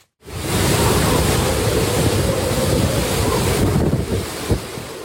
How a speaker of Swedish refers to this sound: Stormen slår mot kusten på den japanska ön Okinawa med 12 meter höga vågor. Vinden piskar och nästan välter träden i videon från nyhetsbyrån Reuters. Tyfonen Bavi drar just nu med full kraft över Sydostasien.